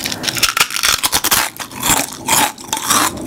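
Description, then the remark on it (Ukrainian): Crisp, crackly crunching of Lay's potato chips being bitten and chewed, a rapid irregular string of sharp dry snaps over about three seconds, fairly loud and with no voices. “Новий дизайн, той самий смак, хрумкі чипсини.”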